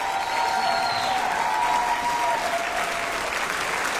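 A crowd claps steadily and loudly throughout, a dense, continuous wash of applause with a faint tonal hum lingering above it and no clear talking.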